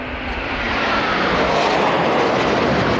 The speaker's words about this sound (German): Um genau 11.38 Uhr donnern zwei Eurofighter im Tiefflug über Schloss Schleißheim. Kampfjets vor weiß-blauem Himmel, das ist das Abschiedsgeschenk für Brigadegeneral Thomas Hambach.